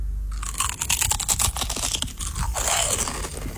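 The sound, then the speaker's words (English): Loud crunching as someone bites into a crisp potato chip during a flavour-guessing test, a dense burst of sharp cracks followed by a few seconds of steady chewing, with no talking. “I'm gonna bite the chip, bite into the chip.”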